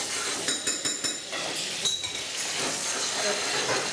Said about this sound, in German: Werden wir die Butter mal flüssig machen, zuallererst. Da ist ganz schön Dampf dahinter.